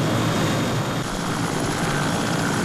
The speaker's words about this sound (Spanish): Ya al cabo, como el día 12, observé unos helicópteros sobrevolando.